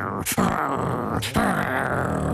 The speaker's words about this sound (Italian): E Cerbero ringhiava con le sue tre teste.